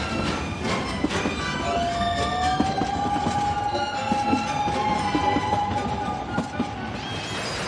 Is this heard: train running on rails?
yes